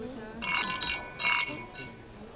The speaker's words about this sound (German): Lass uns anstoßen. Trinken wir. Ja, worauf trinken wir eigentlich? Auf unseren 68er. Prost! Prost. Prost. Prost.